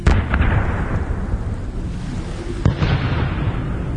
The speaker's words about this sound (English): There was a huge explosion of gunpowder and the whole ship went up.